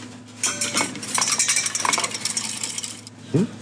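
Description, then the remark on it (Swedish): A spoon stirs freeze-dried soup into boiled water in a pot at Östersund municipality's meal service, with steady metallic scraping and light clinking for about three seconds, then a short dull knock at the end. No one speaks. “Vi ska koka upp lite vatten och så tillsätta den frystorkade soppan.”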